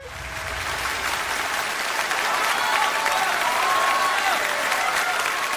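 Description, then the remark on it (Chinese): Sustained applause from a large audience at a crosstalk comedy performance by Jiang Kun and Dai Zhicheng. A dense wash of clapping swells in the first second, then stays loud and steady throughout, with no voices standing out. “大家鼓掌再热烈一点好不好？”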